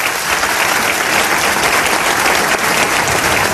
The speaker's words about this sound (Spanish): Os pido un aplauso para ellos.